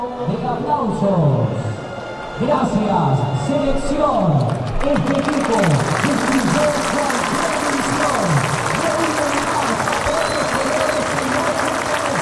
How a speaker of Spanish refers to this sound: Ahí va Di María, ahora va el chino Celarrayán, que le dejó un banderín a un colaborador de Belgrano, y ahí van todos, árbitros inclusive, va al aplauso.